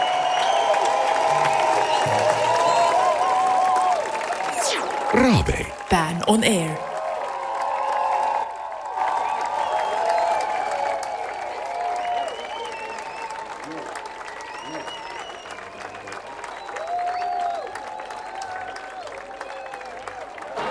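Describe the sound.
A concert audience breaks into sustained, loud applause and cheering for a band, with dense clapping and high whistles and shouts running throughout, while a voice briefly speaks over the noise.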